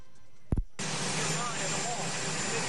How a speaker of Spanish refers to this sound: Así fue como lo decía mientras estaba cerca del Air Force One. Por eso es que escucha ahí los motores.